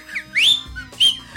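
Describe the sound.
A person whistles a quick series of rising, chirping notes that imitate birdsong, the high trills coming in two short bursts into a microphone with no talking.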